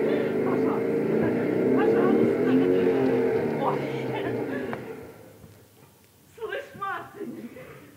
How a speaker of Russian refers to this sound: Мотоциклет совсем новый, на солнце так и блестит.